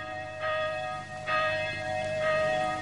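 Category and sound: signal or alarm, church bell ringing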